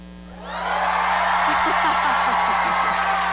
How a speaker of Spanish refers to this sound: A ver, yo quiero ver cómo grita Mazatlán.